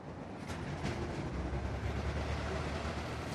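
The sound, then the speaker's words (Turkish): A high-speed train rumbles past in a loud, steady roar of wheels and rushing air, with faint clicks near the start and no voices. “Bir diğer yandan da gözümüz hızlı trende olsun.”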